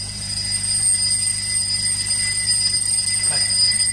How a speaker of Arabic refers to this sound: شو هذا؟ تليفون؟ لا مش تليفون. هذا منبه بالعرزال عند درويش فوق.